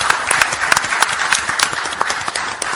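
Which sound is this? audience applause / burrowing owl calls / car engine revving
audience applause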